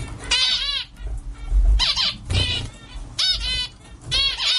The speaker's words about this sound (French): Le diamant mandarin, c'est un petit oiseau indonésien, coloré, au bec orange et surtout, il chante beaucoup, d'un chant assez répétitif et stable pour pouvoir l'étudier.